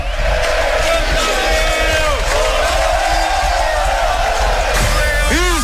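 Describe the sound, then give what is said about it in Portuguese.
A football crowd of Inter supporters roars after Israel heads in a goal in the 45th minute to open the scoring, a loud, unbroken wall of cheering and shouting voices with chant-like tones, and a few rising whistle-like sweeps at the very end. “E o torcedor festeja! Olha a galera!”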